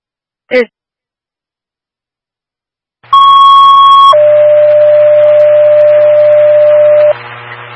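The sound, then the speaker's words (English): A fire dispatch paging signal over a radio, paging the Poygan fire department in Sonora County to a fire alarm at a church: a steady higher tone for about a second, then a longer lower tone for three seconds, with static and hum, after a brief click. “Squad's at frequency, you paging the fire department.”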